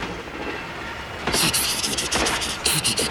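Thomas the steam locomotive hurriedly puffs along in quick, rhythmic chuffs of hissing breath, starting after a quieter moment with low rumble and then pulsing steadily and fairly loudly to the end.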